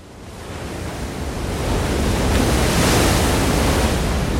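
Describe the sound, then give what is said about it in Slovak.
A broad, roaring rush of surf, a wave of a sudden high tide crashing against the rocks in front of a cave, builds over the first two seconds and then holds steady and loud, a continuous wash of crashing water spilling over a narrow path, with no voices. “Zrazu sa ozval mohutný hukot. Jedna z vln narazila do skál pred jaskyňou a voda sa rozliala po úzkom chodníku, ktorý viedol von.”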